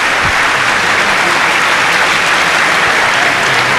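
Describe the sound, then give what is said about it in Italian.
Sustained applause from a sizable audience at a sports-related stage event, a dense, steady patter of clapping hands at fairly loud volume throughout, with no voices standing out. “Vedi quanto è più bello sentire gli applausi a prescindere, quando si parla di sport, applausi a prescindere.”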